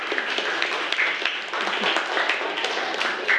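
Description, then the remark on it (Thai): At a teacher's request, a group claps together for a student group's two-storey model building, in a steady burst of applause: dense overlapping hand claps at a moderate, even loudness throughout, with no voices standing out. “เอาปรบมือให้กลุ่มนี้หน่อย”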